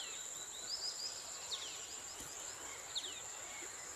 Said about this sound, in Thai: ที่นี่เบื้องล่างลึกลงไปประมาณ30เมตรคือป่าคอสตาริกา